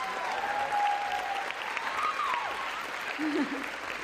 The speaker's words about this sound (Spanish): por favor, démosle Premio Nacional de Divulgación, por favor. Un aplauso, un aplauso.